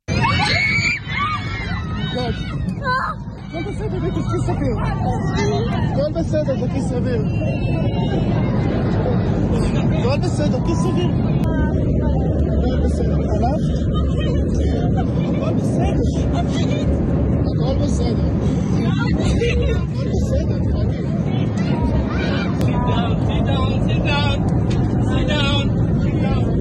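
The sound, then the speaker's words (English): Passengers, many of them children among almost 200 aboard, scream and cry over a constant, loud roar of aircraft noise as the plane drops. Children's shrill wails rise and fall amid a chaotic babble of voices, and someone says in English, "sit down," at the end. “You're going to hear kids screaming. You're going to hear people crying.”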